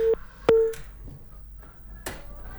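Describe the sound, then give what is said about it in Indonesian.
A telephone busy tone after a caller's call into a radio program drops: two short, steady mid-pitched beeps separated by a pause, with a few sharp clicks and faint line noise, no one speaking. “Oke, terputus sahabat budaya.”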